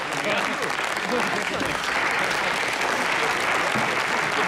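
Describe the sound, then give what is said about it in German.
Sustained audience applause, a dense steady clatter of many hands clapping at an even loudness throughout, with no pause or fade. “Aber dieser Applaus steht nicht mir zu, sondern meinem Team.”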